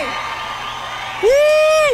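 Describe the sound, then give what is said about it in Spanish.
A rock festival crowd roars in a steady wash of cheering during a tribute to a singer, then a loud, sustained whoop rings out over the noise for most of a second before cutting off. “Por favor, una bulla que nos escuche.”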